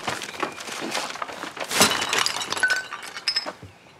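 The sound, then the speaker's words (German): Glass bottles crash and shatter, a loud burst of breaking glass followed by scattered tinkling shards and clinks that taper off over a few seconds. “Ups. Deswegen von unten nehmen.”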